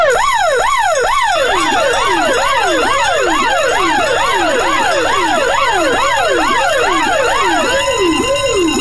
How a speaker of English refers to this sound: There is your 7:30 hooter. That is your alarm clock. It means you need to get out of bed.